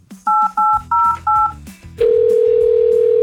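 Four quick, evenly spaced telephone keypad beeps ring out over a soft music bed as a Houston's Eagle radio show dials a caller, followed by a steady, loud, unbroken line tone that holds to the end.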